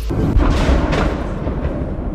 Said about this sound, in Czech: Telegramové kanály už předtím informovaly o tom, že vzlétly ruské stíhačky s raketami. Potom přišla zpráva, že letí přímo na Oděsu. No a ozval se první výbuch.